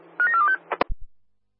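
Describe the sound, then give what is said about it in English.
A rapid run of short electronic keypad tones, about four or five beeps in quick succession, followed by a couple of sharp clicks and thumps, as a phone is dialed and handled to call for a name check. “I'm calling CO2 for name check to stand by. I'm already on the phone.”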